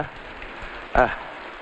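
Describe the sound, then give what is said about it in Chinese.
Heavy rain falls in a steady, dense hiss throughout, with a brief voiced sound from a person cutting through the downpour near the middle. “爷爷，下这么大的雨，你怎么又回来了？”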